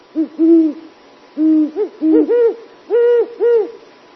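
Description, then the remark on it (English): A series of soft, mellow hoots from a huge owl with pointy, ear-like tufts, about eight notes in loose groups of two or three, clear against a quiet night background with no talking. “At night, listen for these mellow hoots.”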